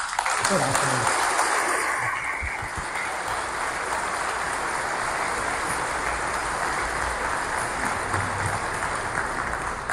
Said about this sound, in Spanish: Un aplauso a la Virgen.